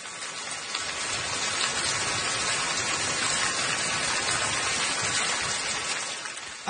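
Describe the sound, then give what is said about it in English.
Steady, dense rain pours down without a break, an even hiss of countless drops spattering on a surface, with no voices or other sounds. “I know what this sound is, or what it's supposed to be, but it does sound like I'm in the shower right now. If you have one of those fancy rain shower heads.”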